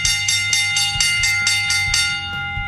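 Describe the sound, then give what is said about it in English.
A bell rings rapidly and steadily, about eight bright metallic strikes over a couple of seconds with a sustained ringing tone, then stops and lets the ring fade. No one speaks. “But it's time now for the bell lap.”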